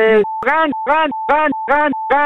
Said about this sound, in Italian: E quello è il clacson dei veneti, loro hanno questo clacson qua.